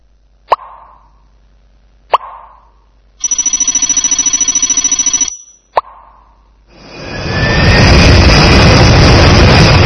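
A few sharp pops and a buzzing electronic ring lead into an airplane's jet engine spooling up, its roar swelling with a rising whine and holding loud to the end.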